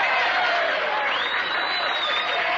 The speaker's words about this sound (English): Maybe he wrote applause. Or applause and whistles.